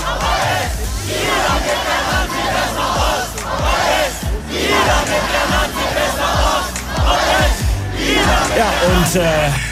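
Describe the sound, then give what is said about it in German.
A large counter-demonstration crowd at a May Day demonstration shouts and yells loudly and continuously through the city centre, a dense roar of many voices with rising bursts of chanting-like cries throughout. “Aber die Gegendemo war tatsächlich die ganze Zeit dabei und hat ordentlich Lärm gemacht.”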